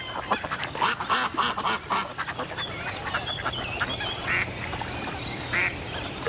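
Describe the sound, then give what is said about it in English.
A mallard and a mandarin duck on a pond trade quacking calls: a quick run of raspy quacks early on, then scattered sharper calls against a busy outdoor background, with no talking. “The little mandarin duck returns the insults. The mallard's message is clear.”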